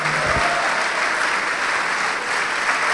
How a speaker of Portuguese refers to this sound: Olha só, vamos aplaudir mais, vamos aplaudir mais.